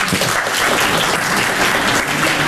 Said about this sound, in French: Moi, par exemple, j'aime pas travailler. Applaudissez ceux qui aiment pas travailler.